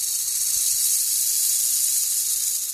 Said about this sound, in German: Da hörte sie ein lautes Zischeln, ein lautes, schreckliches Zischeln. Als sie aufsah, erblickte sie eine riesige, grün-graue Schlange, die sich rund um den dunkelroten Stamm eines Baumes gewickelt hatte und ihren Kopf zwischen den Ästen wiegte.